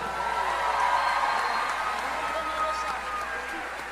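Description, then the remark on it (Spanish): An audience at the 31st Catholic Book Fair applauds for Jesus Christ, a dense wash of many hands clapping steadily at an even level for several seconds, with faint crowd voices mixed underneath. “Un aplauso para Jesucristo.”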